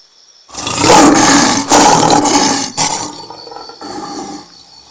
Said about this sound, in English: Singa. Singa. Lion. Lion. Asadun. Asadun.